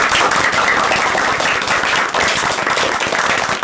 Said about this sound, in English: So, a big round of applause for Team A.